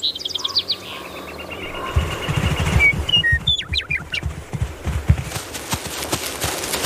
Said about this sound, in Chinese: 他们漫步在黄石国家公园里，这里已经有了春天的气息，草地上开出一丛丛花，鸟儿开始鸣唱。